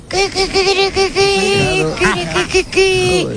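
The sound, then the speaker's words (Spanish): A woman on Basque regional television, ETV, imitates a hen, giving a rapid run of loud, high-pitched clucking syllables followed by a few sliding, squawk-like calls, all voiced with no other sounds behind. “Una gallina.”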